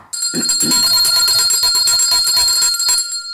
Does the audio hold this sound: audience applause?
no